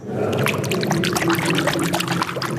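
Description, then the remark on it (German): A hand swishes and stirs through clear, cool water nearly 4 metres deep, producing a steady run of small splashes, gurgles and trickling drips for a few seconds, with no voices. “Ja, deshalb müsste man ein klein wenig dran greifen, dass es etwas Bewegung hat.”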